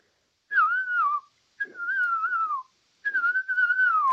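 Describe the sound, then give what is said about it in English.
A person whistles an imitation of a ground cuckoo-shrike call: three clear, wavering phrases around one pitch, each gliding slightly downward, separated by short pauses, with no talking. “Okay, so give us your best ground cuckoo shrike,”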